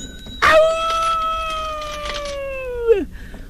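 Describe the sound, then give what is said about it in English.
A single long howl from a human voice imitating a wolf on the Wolfman Jack Show: loud, held steady for about two and a half seconds, then sliding down in pitch at the end. “Wolf.”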